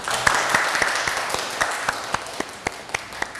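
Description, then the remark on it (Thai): An audience applauds steadily, a dense wash of clapping with a few sharper claps standing out in a regular beat, moderately loud and continuous throughout, welcoming a famous novelist known by the pen name Botan. “วันนี้เราก็ได้รับเกียรติจากนักเขียนนวนิยายชื่อดังนะคะที่สร้างสรรค์ผลงานให้เราได้อ่านแล้วก็ได้นำไปใช้ค่ะแล้วก็เป็นแบบอย่างให้กับนักเขียนรุ่นหลังหลายๆคนขอเสียงปรบมือต้อนรับคุณอาสุภาสิริสิงห์เจ้าของนามปากกาโบตั๋นค่ะ”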